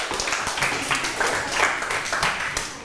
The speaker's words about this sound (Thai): ปรบมือตัวเองดังๆได้เลย